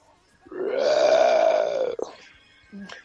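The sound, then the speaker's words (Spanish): A person roars like a lion or tiger with their voice, one long, loud, throaty growl lasting over a second, followed by a short grunting breath and a brief low rumble. “Mi sonido de león o de tigre es el siguiente.”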